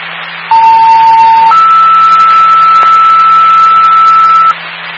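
A two-part fire dispatch radio alert tone for Central Power Fire, ahead of a call to a medical alarm activation: a steady lower beep for about a second, then a longer, slightly higher sustained tone for three seconds, loud over a band of radio static and hum.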